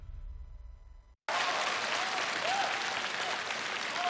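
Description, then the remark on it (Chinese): After a short low hum and a brief silence, loud, dense applause from a crowd bursts in and keeps going steadily to the end, with faint whistle-like tones poking through. “别鼓掌，这都多。”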